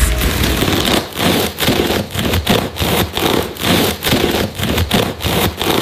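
A knife saws through a crusty loaf of bread in steady back-and-forth strokes, each one a dry, crackling crunch separated by brief pauses, loud and with no talking.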